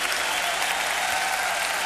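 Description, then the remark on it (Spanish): An audience applauds steadily in praise of God, a dense, continuous wash of many hands clapping at an even loudness throughout, with no voices standing out. “Aplaudimos tu grandeza y tu hermosura.”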